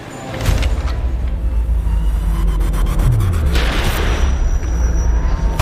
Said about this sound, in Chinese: 枪击、针刺、极端测试。这款新能源车的电池用硬核方式亮相。新能源车的核心电池也产自这家中国企业在印尼的工厂。